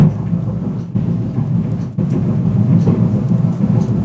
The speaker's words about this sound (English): Sounds like a freight train's coming through the building. It does this every other week, really. It's madness.